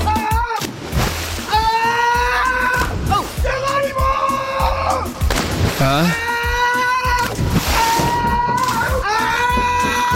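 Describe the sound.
A series of jumps into a swimming pool, with splashing water nearly buried under loud, continuous shouting and high-pitched screaming voices.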